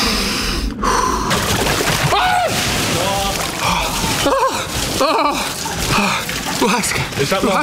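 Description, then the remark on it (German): Someone gasps sharply and repeatedly while lowering down to the shoulders into an ice barrel of water, with strained breathy groans in between, over a steady rushing, sloshing background of moving water. “Du atmest jetzt einmal tief ein und dann langsam aus und dabei gehst du tief.”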